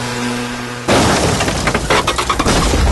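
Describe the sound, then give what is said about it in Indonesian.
A sudden loud crash of a motorcycle accident bursts in after a low steady hum, followed by a noisy clatter of breaking and shattering glass with scattered impacts continuing for a couple of seconds. “Kecelakaan apa? Tiliki yuk, buk anak Rika.”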